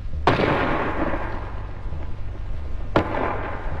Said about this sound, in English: First, a 5.5 gun fired at the wall of the fort for an hour or more at point-blank range, about 250 yards. The first bang you heard was the gun firing. In the second was the shell bursting on the wall.